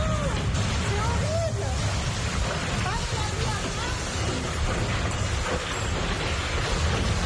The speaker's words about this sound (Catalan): Això que sentiu és un tornado. Un tornado prop de Carcassona, al sud de França, ben a prop de la frontera amb Catalunya, va deixar almenys 41 persones ferides, algunes d'elles fins i tot van ser hospitalitzades,